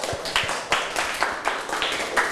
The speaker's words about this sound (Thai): นักเรียนต้นทางคนไหนตอบถูกหมดทุกข้อบ้างครับยกมือให้ครูดูหน่อยโหเยอะมากเลยครับปรบมือให้ตัวเองดังๆเลยครับ